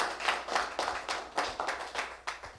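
An audience applauds to welcome a teacher from the group running the EFATA programme, with a steady run of sharp, bright claps, the individual hand claps still distinguishable as they patter at a brisk, fairly even pace. No one speaks over it.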